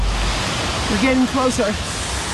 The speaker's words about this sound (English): Headed to that waterfall up there.